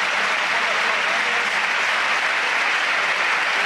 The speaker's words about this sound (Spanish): Los campos de sport del Sardinero que se han volcado con Hitor Mañas, ahora se vaya en camilla el terreno de juego y ahora, mira, así suena el Sardinero, que le aplaude todo el mundo.